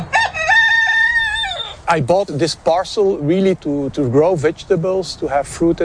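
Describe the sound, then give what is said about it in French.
A rooster crows loudly for about two seconds, a long, strained cock-a-doodle-doo, in a garden with a few sheep and a 3M factory on the horizon, followed at once by a person talking steadily. “Dans son jardin, un coq, quelques moutons, mais avec l'usine 3M à l'horizon, pas question de consommer des produits locaux.”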